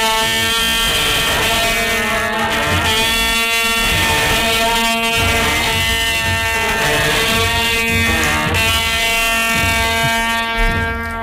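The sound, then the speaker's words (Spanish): A long, sustained brassy blare from an añafil, a straight, elongated metal trumpet of Andalusi origin, holding a steady, bright, buzzing tone with strong harmonics and slight wavering throughout, loud and alone without any voices. “Es una trompeta recta y alargada de metal que se usa para anunciar el movimiento del paso durante los desfiles procesionales.”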